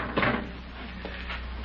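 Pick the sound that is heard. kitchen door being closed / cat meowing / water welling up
kitchen door being closed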